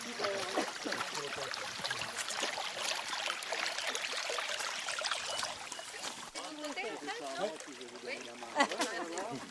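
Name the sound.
flowing stream water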